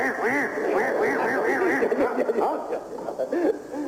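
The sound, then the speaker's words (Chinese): A man's voice imitates the croak of a frog, called a toad (hama) in Beijing, heard on the riverbank at Beihai Park, with a loud, continuous run of warbling, rising-and-falling vocal calls that repeat rapidly for about four seconds, without any spoken words. “啊，那不是老虎 啊， 那个叫啊青蛙，北京啊管它叫蛤蟆，正字念青蛙， 青蛙， 哎，那叫青蛙。”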